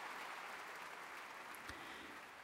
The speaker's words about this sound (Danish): Og stort bifald til Nicola Benedetti her i Berliner Philharmonien.